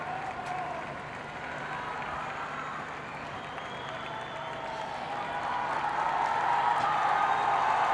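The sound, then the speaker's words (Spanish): A large crowd applauds and cheers in a sustained ovation at the appearance of the Pope, heard at the Nativity façade. It is a dense wash of clapping and voices that holds steady and then swells louder toward the end. “La ovación que estamos escuchando ahora mismo, supongo que les llega aquí en la fachada del nacimiento ante la aparición del Santo Padre.”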